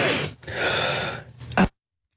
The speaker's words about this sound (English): can you stop breathing so loud, honey? He's like, breathe quietly.